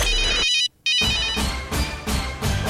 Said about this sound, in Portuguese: Celular já tocou, então tá na hora de anotar.